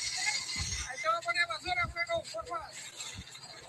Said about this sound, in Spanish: Ahí está pasando un camión de la basura. ¿Ese ruido que escuchan ustedes?